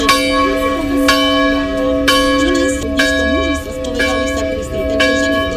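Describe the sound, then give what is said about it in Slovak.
Local church bells in San Giovanni Rotondo, the pilgrimage site of Padre Pio, peal loudly and steadily, with sharp strikes landing about once a second over a rich, sustained ringing hum. A faint murmur of voices sits underneath. “Počas púte na tomto mieste sprevádza návštevníkov aj typický hlahol miestnych zvonov.”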